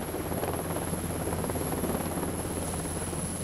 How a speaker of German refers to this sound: FDL an alle Stationen, Hubschrauber im Anflug. Das Manöver steuern die Beamten von der Brücke aus. Insgesamt 10-mal landet und startet der 11 Tonnen schwere Hubschrauber auf dem schwankenden Stahl. Die Übung verläuft reibungslos.